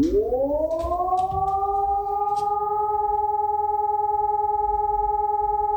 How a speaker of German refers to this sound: In der kommenden Viertelstunde solltet ihr auch diesen Entwarnungston hören.